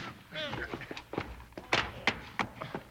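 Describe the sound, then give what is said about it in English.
A sharp, dull thunk of a pistol-whip blow to the head lands, followed by a couple more quick impacts, with vocal grunts and voices around the hits. “Pistol whip.”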